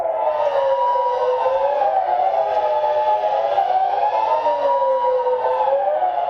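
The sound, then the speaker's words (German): A Swiss rooftop civil defense siren, displayed at the entrance of an exhibition at the Museum für Gestaltung, Toni-Areal, wails steadily, its pitch rising and falling in slow sweeping cycles, loud and continuous throughout with no voices. “Eine solche Sirene begrüßt ihn gerade am Anfang vor Ausstellung.”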